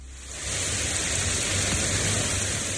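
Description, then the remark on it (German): Heavy rain from a sudden heat thunderstorm pours steadily onto a small street in Hamburg-Eppendorf, Germany, in a dense, even hiss that swells in after a brief quieter start and holds loud, with a low rumble underneath and no voices. “Gerade noch knallte der Sonnenschein vom Himmel, dann aber entlädt sich ein Hitzegewitter mit heftigem Regen.”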